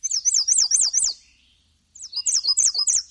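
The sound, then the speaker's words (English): Two bursts of high, sweet American Redstart warbler song, each a quick run of repeated wavering notes, separated by a brief pause. Clear, with no voices. “And here's the Redstart again.”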